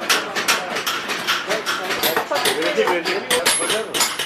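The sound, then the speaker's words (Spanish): A bustling bazaar crowd in Urfa, with many overlapping voices chattering while metal and dishes clink and clatter in quick, irregular bursts throughout, the whole scene loud and dense. “El sol abrasador y los bazares, todo es un derroche de olores, colores y ruido.”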